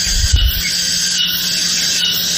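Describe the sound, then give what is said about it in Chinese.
A simulated tinnitus tone: a shrill, steady cicada-like ringing buzz that holds unbroken for the whole clip, with a brief low thump at the very start and no voices. “哦，这个就是蝉鸣。”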